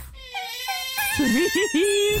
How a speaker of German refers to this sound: Es sind Otterbabys. Oh, süß. Die klingen so hier und sind einfach...